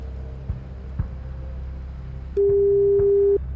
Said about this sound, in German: Und ich habe jetzt hier eine neue Telefonnummer, die auch schon bimmelt.